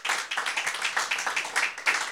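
A church audience claps hands as an offering of loud clapping to the Lord during a sermon, a dense, steady burst of overlapping claps, loud and continuous with a slight rhythmic pulse, and no voices standing out.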